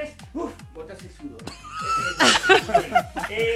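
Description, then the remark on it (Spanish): A person asked to do a quick little trot imitates a horse's whinny, a wavering, breathy voice that rises into a loud, shaky neigh-like cry midway, with snickering, laugh-like bursts around it. “Pareció un caballo.”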